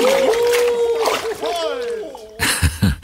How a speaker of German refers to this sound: Keuchend und prustend schwimmen die Weihnachtsmänner im Eiswasser.